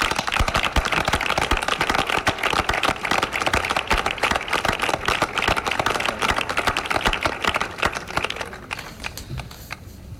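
A crowd at a town fair applauds as the mayor of Palos hands a bolt to the mayor of Beas, the guest town, with dense, steady clapping that stays loud for about eight seconds, then quickly tapers off to a few scattered claps.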